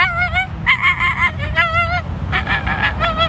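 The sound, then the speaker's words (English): A person imitates an American flamingo's honking call with a string of nasal, goose-like honks in uneven bursts, loud, over a low background rumble. “The American flamingo.”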